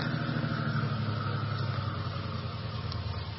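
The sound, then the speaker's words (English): A car engine idles steadily with a low, even rumble and a broad mechanical hiss, holding a constant level throughout with no voices; the car is stopped on a curving road beside a cliff, just before the engine is cut. “All right, cut your engine.”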